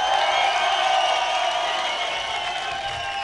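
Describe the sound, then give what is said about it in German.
A crowd applauds and cheers steadily for a performing act, a dense wash of clapping with scattered whoops, sustained at fairly even loudness throughout. “Okay, der nächste Applaus geht an”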